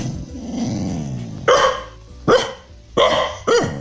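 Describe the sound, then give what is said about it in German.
The female dog Carla, at home in Hanau, gives a low, rumbling growl, then lets out four loud barks in an uneven rhythm, with short pauses between them. “Hündin Carla bellt gleich einen Hit”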